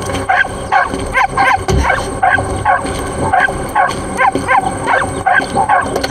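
A puppy barks over and over in quick, rhythmic bursts, loud, with a steady run of yapping barks filling the whole stretch and no voices.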